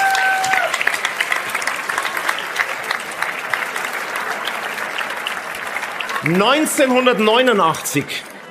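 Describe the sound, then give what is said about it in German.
A large audience in Rust applauds steadily for several seconds, a dense wash of clapping, before a voice begins speaking over the fading applause near the end. “Also, ein Applaus vielleicht von unserem Publikum hier aus Rust.”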